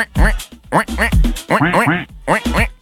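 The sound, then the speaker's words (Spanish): A man's voice imitates a duck, producing a rapid series of nasal quacks, about five bursts in under three seconds, loud with no other sounds. “Y la niñita le dice a la mamá: mamá, ¿quién imita también a los patos?”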